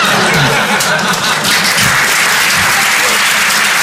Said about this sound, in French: Ça va super bien là, je viens d'être papa. Merci, c'est sympa. Et vous êtes sympa d'applaudir ça parce que franchement, à Paris, les gens ils applaudissent plus sur ça.